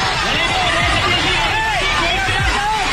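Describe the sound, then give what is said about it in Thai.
A panicked crowd fleeing during a magnitude 7.8 earthquake in the Philippines as buildings collapse: many voices overlapping in a loud, continuous hubbub, with raised cries rising above the din and dull low thuds underneath, unbroken throughout. “ดูสิอาคารพังถล่มนะฮะเขาว่าเลยนะลิงกุดลังแหละฮะแผ่นดินไหว 7.8 ลิตรเขย่าแผ่นดินฟิลิปปินส์นะครับตึกถล่มคนหนีตายอุลหม่านคนวิ่งหนีตายกันอุลหม่านมากมายนะฮะ”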